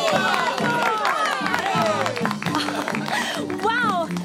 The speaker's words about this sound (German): Völlig im Bann der magischen Zirkuswelt bestaunt das Publikum nun jede neue Darbietung. Und als endlich die Pferdeprinzessin auftritt, will der Jubel kein Ende nehmen.